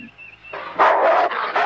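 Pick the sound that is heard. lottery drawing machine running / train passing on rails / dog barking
dog barking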